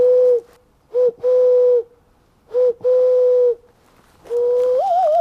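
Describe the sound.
A man in a forest imitates dove and owl calls with breathy hoots in short-long pairs, repeated twice, then one long hoot that wavers upward at the end, separated by brief silences.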